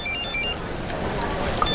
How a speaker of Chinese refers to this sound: 接个电话啊。